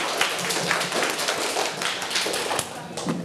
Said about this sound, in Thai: ขอบคุณนักเรียนทั้ง3คนนะคะกลับนั่งที่ได้เลยค่ะนักเรียนปรบมือให้เพื่อนอีกครั้งนึงค่ะ